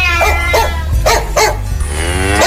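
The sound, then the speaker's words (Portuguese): A dog barks four times in short, sharp pairs, loud, before a long, drawn-out lowing call like a cow's moo rises at the end. “O cachorro latiu.”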